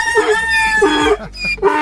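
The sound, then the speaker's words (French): A rooster crows loudly, a long strained cock-a-doodle-doo with a brief second burst at the end, with no talking. “Au niveau sonore, on y était. On a eu le coq et après on a eu l'âne.”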